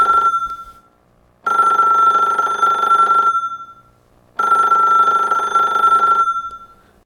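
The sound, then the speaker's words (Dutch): A telephone rings twice during the radio programme Gouden Oude Show, two long, steady electronic bursts separated by a short pause, loud, with no talking over it. “Oh, telefoon.”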